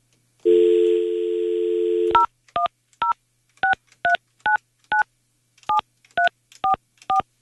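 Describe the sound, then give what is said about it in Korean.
A steady dial tone hums for under two seconds, then cuts to a quick series of crisp touch-tone beeps as a number is dialed on an ordinary landline phone at the Far East Broadcasting (극동방송) station, each short tone evenly spaced and clearly audible with no talking. “7344번님, 제가 지금 극동방송에서 일반 전화로 전화 걸고 있어요.”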